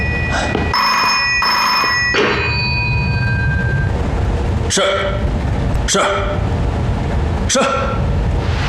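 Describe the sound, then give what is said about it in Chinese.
A telephone bell rings in two bright, buzzing bursts about a second long, followed by a few sharp knocks or thuds over a steady, loud rumble of background noise. “接电话去。”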